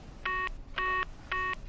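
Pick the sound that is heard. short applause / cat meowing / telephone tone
telephone tone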